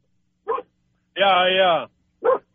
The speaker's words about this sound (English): Yeah, my dog is barking.